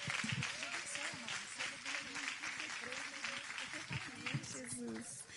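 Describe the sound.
A church audience applauds steadily to welcome a woman church worker, the dense clapping filling the whole stretch with a bright, even roar, while voices call out over it.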